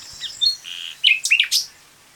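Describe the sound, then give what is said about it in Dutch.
A common nightingale sings a varied phrase of clear whistles, a sustained note and rapid, rich chirps, loud over a quiet outdoor background with no talking, recorded in France in May. “En daar heeft dus iemand, die liep daar rond in Frankrijk en die heeft een nachtegaal opgenomen.”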